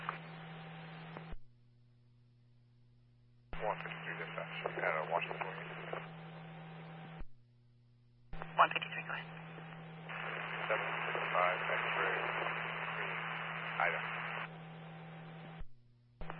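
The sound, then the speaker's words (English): Heavy crackling static over a police radio comes in three long bursts separated by brief lulls of low electrical hum, with garbled, unintelligible voices buried in the noise. “Heavy static.”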